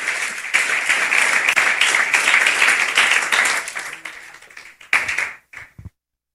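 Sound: audience applauding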